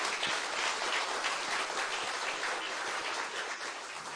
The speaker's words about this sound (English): So please give a rounding, loving applause for our expert panel.